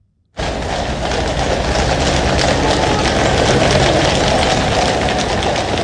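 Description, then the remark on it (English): A steady, loud wash of gentle rain hiss in London begins after a brief silence and continues throughout, with the faint clatter of horses' hooves running beneath it. No one speaks. “Horses' hooves there, and because it's London, the gentle sound of rain.”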